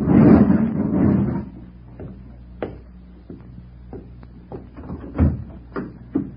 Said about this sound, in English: He went back to close the garage door, and I sat in the car, trembling.